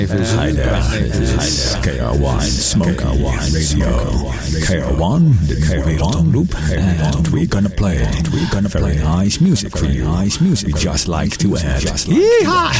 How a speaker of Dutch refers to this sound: Het is leuk hè, zo'n echo-machine.